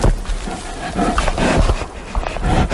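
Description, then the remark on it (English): Low, rough grunting from a bear destroying a recording microphone, a series of breathy, throaty bursts over a noisy rumbling background that stays loud throughout. “Not to mention the grunts of bears destroying the microphones.”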